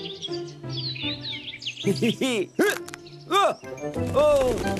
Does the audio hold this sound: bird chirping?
yes